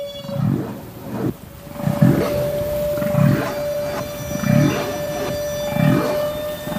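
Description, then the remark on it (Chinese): Underwater bubble-blowing from a toothed whale: five low, gurgling bursts arrive in a steady rhythm about a second apart, over a constant thin humming tone and hiss. “科学家们首先分离出了大齿鲸吐气泡的声音。”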